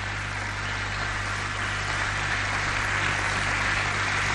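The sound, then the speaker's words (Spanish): An audience claps together to praise the Lord in a dense, steady wash of applause that holds an even loudness for about four seconds, with no voices standing out above it. “Denle un aplauso al Señor. Apláudele fuerte al que vive.”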